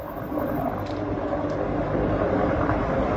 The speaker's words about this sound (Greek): Λίγο πριν πέρασε και ένα αεροσκάφος, απέναντι υπάρχει ένα ελικόπτερο το οποίο ρίχνει νερό,